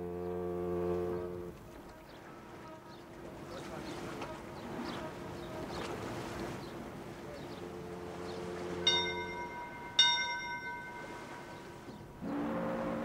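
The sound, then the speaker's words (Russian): A steamship's second departure bell rings out in two bright, ringing strikes over a busy background of crowd murmur, with a deep steamship horn sounding at the start and again near the end. “Второй колокол.”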